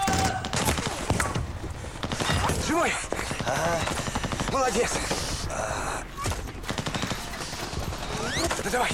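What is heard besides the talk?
machine gun fire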